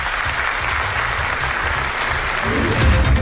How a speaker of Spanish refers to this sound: Hoy le han recibido con aplausos.